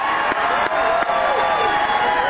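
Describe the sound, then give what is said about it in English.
A crowd applauds and cheers for reporters from the Main Wire in a steady, dense wash of clapping, with a few whoops and sharp claps rising above it for the whole couple of seconds. “So let's give a round of applause to John Featherston and Steve Robinson.”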